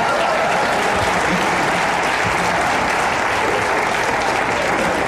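A crowd claps steadily throughout, a dense, even wash of many hands that stays loud from start to finish without breaks or a clear rhythm.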